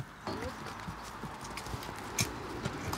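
Horses' hooves clop on a hard surface in an uneven, repeated rhythm as the horses cross a busy federal road, sharp knocks standing out over a steady background wash of noise.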